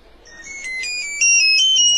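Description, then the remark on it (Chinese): A mobile phone's newly changed ringtone rings out with bright, high electronic tones in a stepping melody, growing louder partway through, with no voices over it. “是你的电话吧？ 哎呦，我的手机。哎， 什么时候换的铃声啊？ 太吵了，这我都忘了。”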